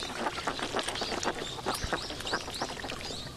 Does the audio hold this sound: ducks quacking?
yes